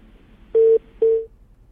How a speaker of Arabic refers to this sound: طيب انقطع الاتصال، ارجو المعاود للاتصال